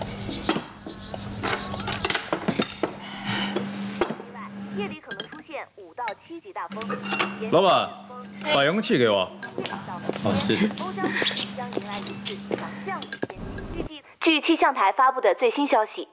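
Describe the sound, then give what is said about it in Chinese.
Glasses of alcohol clink together in a toast amid lively chatter, a few bright taps among several voices talking over a low steady hum, like a busy restaurant table. “功不敢贪没事，酒你得喝。来，干杯！干杯！干杯！”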